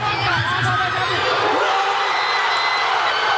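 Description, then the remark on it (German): A huge crowd of Paraguay fans at the fan zone at Palma and Alberdi in Asunción, Paraguay, erupts in loud, sustained cheering at the 1-0 goal against Germany, thousands of voices roaring and whooping together in a dense, continuous wall of sound. “Nicht einfach nur Jubel. Direkt eine Explosion aus tausenden Kehlen war das auf Asuncions Fanmeile Palmas und Alberdi beim 1:0 gegen die deutsche Elf nach 42 Spielen.”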